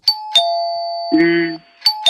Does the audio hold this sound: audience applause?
no